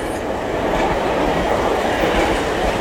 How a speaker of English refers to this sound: The train is pulling up to the station.